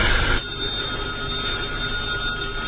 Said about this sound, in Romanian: Nu răspunde la telefon, Eloisa.